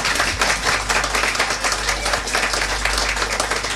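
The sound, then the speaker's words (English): A crowd aboard the yacht PV Elysium in Greece applauds steadily, with many hands clapping in a dense, even patter that stays loud and sustained throughout with no voices standing out. “Everybody, big round of applause.”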